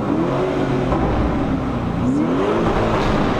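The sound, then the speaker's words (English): An SUV engine revs loudly, its pitch climbing and dipping in two swells over a steady rumbling drone, with no one speaking. “An SUV with this kind of sound.”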